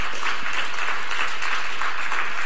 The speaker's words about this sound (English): Give the Lord Jesus a loud hand clap this morning.